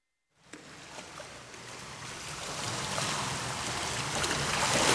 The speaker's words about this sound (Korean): 파도 소리, 바다 내음 막 상상하게 되죠.